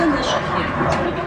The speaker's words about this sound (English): It's the sound of a jet.